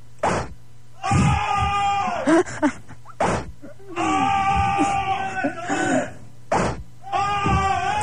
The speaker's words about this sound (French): Regarde, je les fais gueuler à distance, regarde, je vais les fouetter à distance, écoute bien.